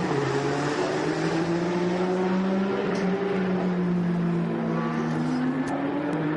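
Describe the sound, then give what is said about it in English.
A Porsche race car, number 88, driven by Oleksiy Kikiryshenko in a race while trying to get through traffic, drones loudly and continuously, its pitch sliding gradually up and down as it holds a steady roar, with no voices over it. “It's Oleksiy Kikiryshenko in the double eight up to race Porsche, trying to get through some traffic.”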